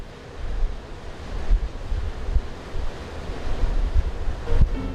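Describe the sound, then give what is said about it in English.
Steady surf of the Baltic Sea rolls and breaks against a shoreline, a continuous rushing wash with gentle swells in loudness, mixed with some wind buffeting the microphone. No one speaks. “The Baltic Sea, a beloved destination and symbol of summer fun and idyllic holidays.”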